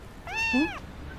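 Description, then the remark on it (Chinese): A single meow from a guest's cat at a hotel reception desk, about half a second long, rising and then falling in pitch. It is clear against a quiet background, with no one talking. “先生，您的猫了。”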